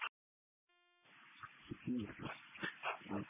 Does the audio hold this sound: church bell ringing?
no